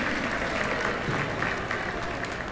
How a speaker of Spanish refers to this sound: Un fuerte aplauso